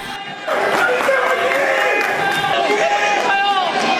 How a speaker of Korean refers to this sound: 고개를 숙인 채 뒤따라 나온 선수들에겐 따뜻한 격려가 이어졌습니다. … 기자가 보도합니다. 사령탑을 향했던 분노와는 180도 다르게 선수들을 향해선 박수를 치며 따뜻한 반응이 나오기도 했습니다.